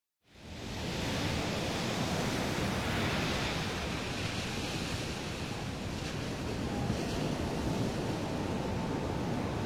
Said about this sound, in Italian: Che si vede in mare dal promontorio? Nulla! I flutti si impennano alti e fra il mare e il cielo non si vede una vela.